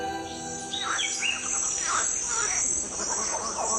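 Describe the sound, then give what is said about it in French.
Dense tropical rainforest ambience in French Guiana: a steady high insect drone with chirping birds and croaking frogs layered throughout, with monkeys also among the sounds, continuous, with no talking. “Ce que l'on entend ici, c'est la forêt guyanaise, un vacarme dans lequel une oreille affûtée peut distinguer des batraciens, des singes, des oiseaux, des insectes.”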